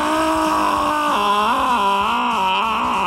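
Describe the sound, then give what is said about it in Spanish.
A turtle lets out a long, continuous wailing moan, fairly loud, its tone wavering and dipping in pitch like crying, with no one talking over it. “Un tortugo prácticamente llorando.”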